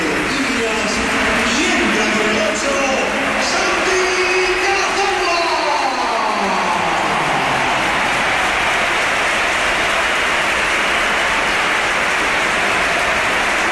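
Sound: stadium crowd ovation applause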